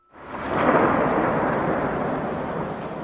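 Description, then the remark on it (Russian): A loud, sustained roll of thunder swells in quickly and rumbles on steadily for a few seconds, broad and booming with no voices over it. “Но что это? Словно раскаты грома по всей вселенной, словно эхо раздается над всеми живущими.”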